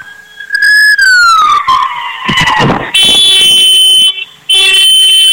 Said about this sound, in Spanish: Necesito que me regales dos bocinazos largos. Sí, claro. Hola. ¿Qué fue eso? Mis bocinazos.